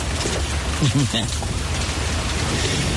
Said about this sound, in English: rainy day.